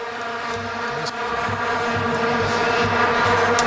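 A mosquito buzzes in a steady, unbroken, loud drone, holding one high whining pitch for the whole few seconds with no voices.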